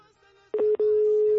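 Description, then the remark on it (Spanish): Telephone call tones over a phone line: a steady electronic beep starts after a quiet moment, briefly breaks, then holds as a long continuous tone as the call is diverted to voicemail. “Buzón de voz. No, carnal, nos desvía.”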